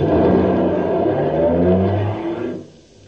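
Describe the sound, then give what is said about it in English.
A car engine revs loudly in an airport parking lot, its pitch rising as it accelerates, then the roar fades quickly as the vehicle pulls away to drive to Los Angeles. No voices. “It's still there when he joins me at the airport parking lot and we get in a car to drive to Los Angeles.”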